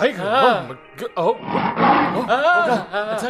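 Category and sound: animal, tiger roaring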